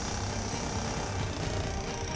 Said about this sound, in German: Wir sägen hier so ein paar Bretter weg.